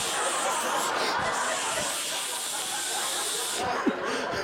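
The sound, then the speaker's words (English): A steady hiss of an aerosol deodorant can spraying continuously onto the armpits of shirts for several seconds, broad and airy, with a brief catch near the end and faint background noise. “I'm pulling shirts off the floor, just spraying the armpits.”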